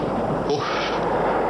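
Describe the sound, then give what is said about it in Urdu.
Cannon and artillery fire from English (British) cannons rumbles continuously, with a heavy booming burst partway through amid a dense wash of explosions. No voices are heard. “جہاں پناہ، یہ تو انگریزوں کی توپیں ہیں.”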